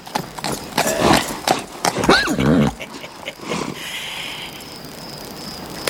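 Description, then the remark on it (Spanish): An Andalusian horse shifts about, hooves clopping in a quick irregular series on hard ground as it moves into place beneath a man on a rooftop, with a short whinny-like snort in the middle and a quieter outdoor hiss afterward. “El caballo se coloca bajo Alejandro.”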